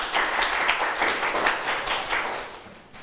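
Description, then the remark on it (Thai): A group of students in a classroom claps together for a classmate in a steady burst of overlapping applause that fades slightly toward the end, with no voices speaking over it. “ใครอยากตอบปรบมือให้เพื่อนหน่อยค่ะ”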